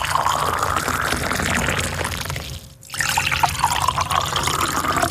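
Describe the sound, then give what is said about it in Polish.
Boiling water is poured into one mug, then cold water into a second, with a brief pause between pours. Each pour is a steady trickling splash; the boiling pour is softer and quieter, and the cold pour sounds slightly brighter and rougher. “Wleję teraz wodę do dwóch kubków. Posłuchajcie. Do jednego wlewam wrzątek, do drugiego zimną wodę.”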